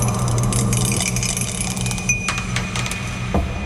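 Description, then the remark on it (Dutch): A die rattles and clatters as it's rolled, landing on 5, a quick run of small hard clicks and knocks over a steady low background hum, with no one speaking. “Maar ja goed, we hebben geen zeggenschap over de dobbelsteen natuurlijk. We gaan even kijken wat het wordt vandaag.”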